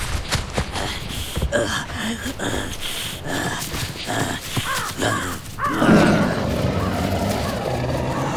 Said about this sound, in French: Le tigre à dents de sabre vient de se lancer sur la proie qu'il avait repérée. Un macroquenia, une bestiole préhistorique qui ressemble à un mélange de cheval et de chameau. Le tigre fonce à une vitesse impressionnante, malgré la lourdeur de ses pas.